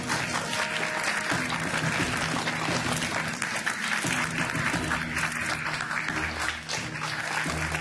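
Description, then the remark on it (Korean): Sustained applause from an audience at an award ceremony, congratulating an award winner: a dense, steady wash of many hands clapping at an even loudness for several seconds, with a faint low hum of music or voices beneath it. “힘찬 박수로 축하해 주시기 바랍니다.”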